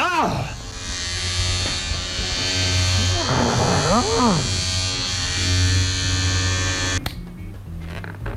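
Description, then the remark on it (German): A loud electric razor shaves off a customer's hair in a hair salon, buzzing steadily for about seven seconds, its pitch wavering as it runs over hair, then abruptly switches off. “Sie können doch nicht einfach den Rasierer...”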